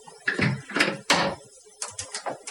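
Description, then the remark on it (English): Several sharp clinks and clatters of dishes as someone cleans up, a quick irregular cluster of impacts, with no talking. “I think we've got someone cleaning up here at SAB.”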